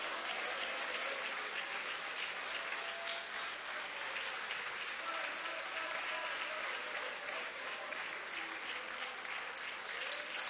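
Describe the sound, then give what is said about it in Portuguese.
A church audience applauds the name of Jesus steadily for about ten seconds, a dense, even wash of many hands clapping at constant loudness with no speech over it. “Isso, pode aplaudir o nome de Jesus, pode.”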